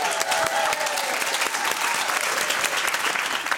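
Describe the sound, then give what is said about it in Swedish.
One man applauds himself in a radio studio at a music quiz: brisk, continuous hand clapping fills the few seconds, loud, with rapid claps running together into a steady applause texture from start to finish. “applåderar sig själv.”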